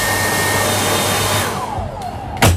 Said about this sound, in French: Et ensuite, une fois que c'est bien sec, on va quand même rajouter un petit coup de sèche-cheveux.